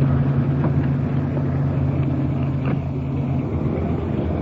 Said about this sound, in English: Getting the car off the street.